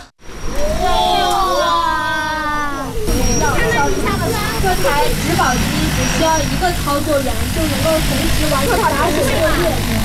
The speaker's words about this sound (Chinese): 研学的最后一站是洛阳国家大学科技园，在园区一家创新型企业的无人机训练场上，一架大型植保无人机腾空而起，学生们仰头观看，不时发出阵阵惊呼。